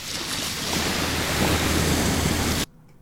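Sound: ocean waves crashing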